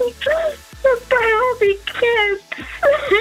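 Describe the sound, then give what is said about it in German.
A person on a phone call wails and whimpers in about four drawn-out, quavering bursts with brief gasping pauses between them, loud. “Ja, scheiße, ich muss weinen.”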